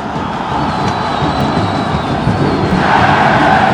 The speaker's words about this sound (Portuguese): Aí agora a comemoração da torcida do Brasil.